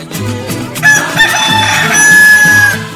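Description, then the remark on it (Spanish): A rooster lets out one long, loud crow that rises and stretches for about two seconds, over a steady rhythmic thump of music in the background. “Wey, pido campo en la barrera. Voy a mi gallo pinto.”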